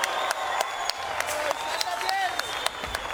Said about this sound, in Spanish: Otro aplauso, por favor, un aplauso más fuerte.